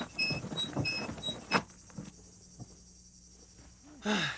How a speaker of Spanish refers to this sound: Es tan tranquilo aquí. Solo nosotros y el ruido de los grillos.